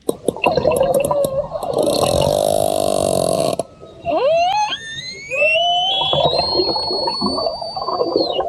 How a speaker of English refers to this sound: Sound of orca, sound of orca whales in the Strait of Gibraltar, where Spanish officials have launched an investigation after the matriarch of a pod of whales known for jostling boats off the Iberian Peninsula has been wounded.